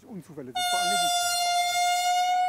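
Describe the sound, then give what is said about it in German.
A loud, sustained train horn blast cuts in abruptly and holds a steady, bright tone on a railway bridge in Hetschbach. Brief talk is heard just before it, and more voices continue faintly beneath it. “Sie macht auf sich aufmerksam.”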